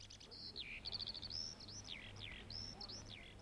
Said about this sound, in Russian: Над проталинками запели жаворонки. Сколько проталин, столько и жаворонков.